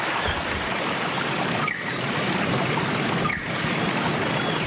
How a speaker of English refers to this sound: Hopefully the Wollombi Brook will be running like this, although I think we're poised for some dry weather, unfortunately.